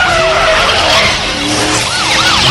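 A car roars at speed during a police chase while its tires skid and squeal in wavering, looping pitches, loud, with no one speaking.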